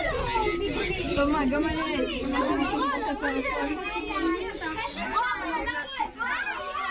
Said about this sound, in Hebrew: בואו נשמע מה קרה בצהריים, כאשר אמא באה לאסוף את ילדיה מבית ספר בגליל המערבי, כשנשמעו שם אזעקות, והרבה מאוד ילדים, כשאני אומר הרבה, זה כמה עשרות, ניסו להידחק לתוך מיגונית. בואו נשמע את הקולות.